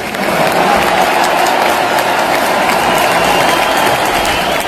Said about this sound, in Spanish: Ovación para el tenor canario Celso Albero.